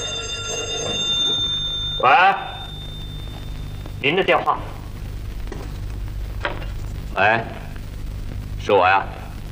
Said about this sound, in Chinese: 喂，您的电话。